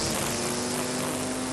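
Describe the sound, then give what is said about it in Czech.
Lawn mowers mowing in summer drone steadily, a continuous buzzing hum with a strong low-pitched tone and a broad whirring hiss on top, holding even in loudness throughout with no voices. “Sekačky sekají.”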